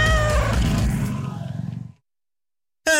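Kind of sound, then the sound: animal, cat meowing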